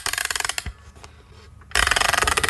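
A music box is wound up: rapid, evenly spaced ratcheting clicks, a quieter pause with a couple of single clicks, then a louder burst of fast winding clicks.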